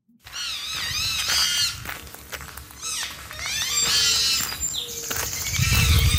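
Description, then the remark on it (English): A porcupine vocalizes loudly at 5 o'clock on a Saturday morning by the edge of a road in Seaforth, with a run of high, wavering whines and squeals that rise and fall in pitch, one after another over a low rumbling background. No one speaks. “So would you expect one to make this much noise at 5 o'clock on a Saturday morning?”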